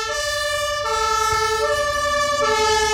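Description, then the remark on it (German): A fire truck siren wails steadily and loudly, its tones shifting in pitch every second or so, with a low engine rumble underneath and no voices. “Ich mach mal die Sirene an.”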